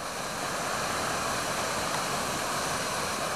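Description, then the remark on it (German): The Morsel waterfall near St. Jakob, a mountain waterfall, roars steadily, a dense, unbroken rush of water filling the whole clip with constant loud noise and no voices. “Das tosende Wasser übertönt jedes Gespräch.”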